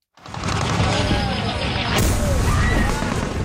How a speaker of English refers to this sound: In a video posted on social media, explosions and gunfire can be heard.